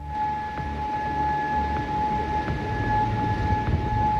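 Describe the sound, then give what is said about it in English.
An air raid siren sounding in Bahrain and Kuwait gives a steady, sustained high tone that holds its pitch throughout, fairly loud, over a low rumbling background noise. “Sirens have sounded in Bahrain and Kuwait.”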